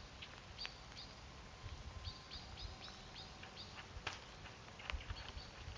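An agitated blackbird gives repeated sharp, clipped alarm calls in quick bursts over a soft outdoor rumble as light rain begins, with no one speaking.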